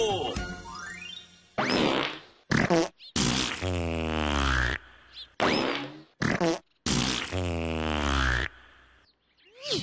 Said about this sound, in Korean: 두 번째 방귀는 멀리 제주도에서 온 우산 장수의 방귀요.